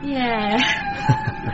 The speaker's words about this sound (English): At least my sound system's still working. Yeah, what is that? Whales mating. Oh, right. Whale song calms me down. I'd be a wreck otherwise.